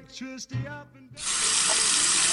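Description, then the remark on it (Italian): A tap turns on and water gushes steadily into a sink, a loud, even rushing hiss after a brief stretch of tonal, voice-like sound at the start. “L'estate è iniziata e il caldo si fa sentire, ma l'acqua potabile è un bene prezioso e insostituibile, il nostro oro blu.”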